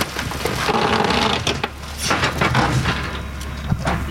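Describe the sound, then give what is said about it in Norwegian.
A car being crushed in a car press: steady heavy grinding with creaking, crunching metal and scattered sharp snaps and pops over about four seconds, with no voices. “Du, da tror jeg, da dør det en bil her.”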